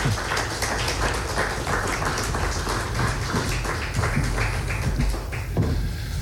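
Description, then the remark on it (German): A crowd at a poetry event applauds steadily for about six seconds as the first two authors are called onto the stage, a dense, even patter of many hands clapping at once, fairly loud throughout with no voices on top. “genau hier setzt Poesie an und dazu möchten wir Sie jetzt verleiten, gleich mit den ersten beiden Autoren, die ich hier, ich hoffe, mit einigen Beifall auf die Bühne bitten darf.”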